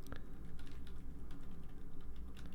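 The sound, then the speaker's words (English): Rapid, irregular clicking of keys on a computer keyboard as someone types to look up song lyrics. The clicking is fairly quiet, with a steady low hum underneath and no voices. “Blah, keyboard not working.”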